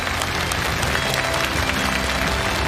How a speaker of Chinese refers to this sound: 我们热烈的掌声送给